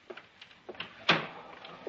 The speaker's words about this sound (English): Shut the door.